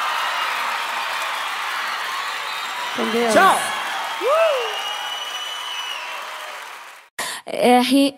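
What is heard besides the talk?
audience applause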